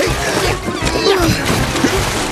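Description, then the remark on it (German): Steady, fairly loud splashing and churning water as a man swims hard through the sea toward a rowing boat, continuing without pause, with faint tonal sounds in the background. “Der miese Typ schwimmt mit Adrenaline zum Ruderboot.”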